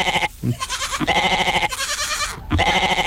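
A goat bleating sound effect: goats bleat loudly in several wavering, nasal calls, one after another with brief pauses, with no talking.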